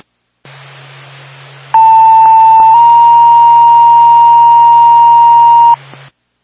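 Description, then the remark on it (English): A steady, loud electronic paging tone holds for about four seconds over a constant radio hiss, with brief clicks near the start, dispatching Twin State and Barnett EMS to a medical alarm at 301 Clayton Lane, toned at 1931. “Time of your tone, 1931.”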